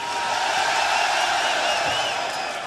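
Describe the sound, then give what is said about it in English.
A large crowd at a rock concert in Brixton roars and cheers in a steady, dense wall of noise, with scattered whoops and whistles rising above it, loud and unbroken throughout. “So let me hear it for rock and fucking roll, Brixton! You can do better than that!”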